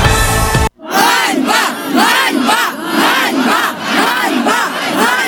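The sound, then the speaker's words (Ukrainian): Hundreds of people protesting outside the administration building in Ivano-Frankivsk, Ukraine, against draft law 15150 chant in unison, loud rhythmic shouted phrases repeating about every second, following a brief cut from a short burst of other sound at the start. “Сотні людей протестували в Івано-Франківську під стінами адмінбудинку, мітингували проти законопроєкту 15150.”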